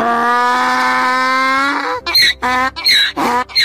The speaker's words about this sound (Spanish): Me encanta poner efectos en la radio. Otra vez el burro, venga.